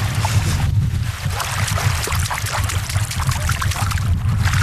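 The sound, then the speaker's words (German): Continuous water splashing and sloshing as someone swims in water neither cold nor warm, with irregular bursts like strokes through the water over a low, steady rumble; no one speaks. “Herrlich, nicht kalt, nicht warm, aber erfrischend. So, ich bin wieder aus dem Wasser raus.”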